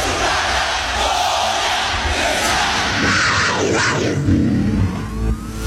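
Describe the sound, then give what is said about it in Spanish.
A large crowd shouts a loud, sustained cheer, many voices roaring together in a dense wash of noise that swells near the end before trailing off. “¡La alegría viene con un grito!”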